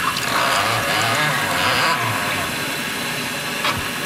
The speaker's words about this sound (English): So we're going to pour just a little bit of warm water into the infusion chamber and let it steep for about 45 seconds. You can just arrange the water right here.